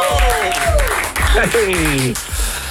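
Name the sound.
applause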